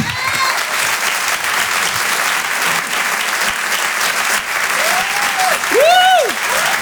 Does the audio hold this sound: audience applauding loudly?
yes